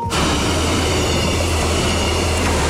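A train on an Arriva instruction run rumbles steadily across the Friesenbrücke railway bridge on the Dutch-German line between Bad Nieuweschans and Leer, a loud, continuous roar of wheels and rails with a deep low hum, without any voices.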